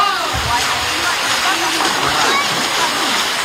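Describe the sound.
Loud, steady rushing and splashing of the fast, cold Crișul Repede river near Șuncuiuș, a dense, continuous roar of water, with faint indistinct voices of tourists cooling off during a heat wave mixed into the noise.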